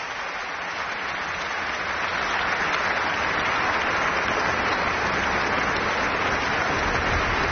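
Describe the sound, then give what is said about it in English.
A large concert audience applauds with sustained, dense clapping, calling David Chassien back on stage once more after his encore with the Orchestre National de France. The steady wash of clapping swells slightly and holds loud throughout, with no voices standing out. “Et qui donc le rappelle une nouvelle fois pour l'applaudir.”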